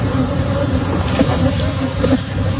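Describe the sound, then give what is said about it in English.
A dense swarm of agitated honeybees, some 24 million released in a Texas neighborhood after an 18-wheeler truck ruptured 406 hives, drones continuously and loudly, a thick steady buzz with no pauses, with a faint low rumble beneath it and no voices. “This is the truck, and then all the bees, the sound of it.”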